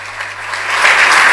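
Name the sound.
audience applause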